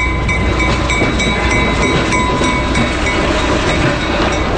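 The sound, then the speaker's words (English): A loud, steady rumble of a moving train pulled by a diesel locomotive, with a repeating clack of wheels over rail joints, plus a faint high metallic whine running throughout. No voices. “It's like, especially like the clicky-clack of the rails and the horn and the dinging of the bells, what really makes it kind of come alive.”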